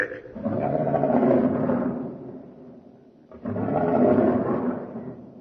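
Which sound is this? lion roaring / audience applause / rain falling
lion roaring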